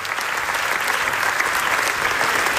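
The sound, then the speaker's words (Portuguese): Sustained audience applause at a film's first screening in Venice, Italy, which received 24 minutes of applause. A dense, steady wash of many hands clapping at once, loud and continuous throughout with no voices standing out. “A produção NASA, exibida pela primeira vez, recebeu 24 minutos de aplausos.”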